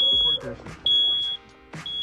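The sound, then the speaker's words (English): A carbon monoxide alarm underneath a house keeps going off, sounding loud, shrill, high-pitched beeps, each about half a second long, repeating with short pauses between them, while indistinct voices murmur faintly underneath. “From a carbon monoxide alarm that kept going off.”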